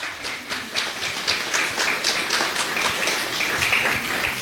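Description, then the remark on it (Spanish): A crowd claps loudly and steadily throughout, a dense, sustained wash of applause with no voices breaking through. “Ahí dale un fuerte aplauso.”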